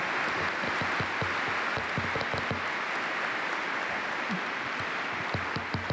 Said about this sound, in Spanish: Les damos otro aplauso a esta pareja que ha cumplido sus 50 años.